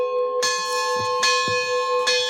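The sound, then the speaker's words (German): Church bells ring out clearly in Lebanon, with strong resonant strikes recurring roughly every second and long sustained tones ringing between them. There is no talking. “Der Mönch Philimon wünscht sich, dass es wenigstens zu Pfingsten ruhig bleibt und ausschließlich der Klang der Glocken zu hören sein wird.”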